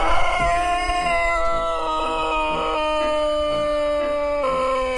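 A Serbian Sandžak long-crowing rooster in an open-air chicken area lets out one very long, drawn-out crow, a loud, steady tone held for several seconds with slight wavering in pitch and no talking.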